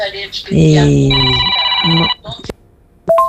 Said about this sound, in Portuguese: o telefone tocou. Não tem problema.